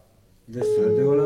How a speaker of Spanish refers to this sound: Acá está sonando su teléfono.